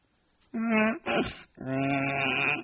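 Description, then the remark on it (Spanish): A donkey brays loudly in a few drawn-out, wavering calls, with a rough, breathy burst between the tonal bleats. “Primero encontraron a un burro.”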